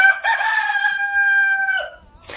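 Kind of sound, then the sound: bird, rooster crowing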